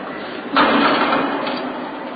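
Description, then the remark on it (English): A door is pushed shut with a broad, rumbling thud that lingers briefly, followed by a faint click as it is locked, with no talking. “He wants to lock that door”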